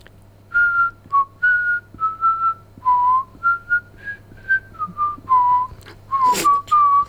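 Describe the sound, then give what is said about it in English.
A person whistles the chorus of a classic New Zealand song, a melodic run of clear sustained notes rising and falling in pitch, fairly loud, with a faint steady hum beneath and a brief noisy burst near the end. “we're all going to try and guess what …'s whistling now. I'm thinking of doing the chorus to a classic New Zealand song”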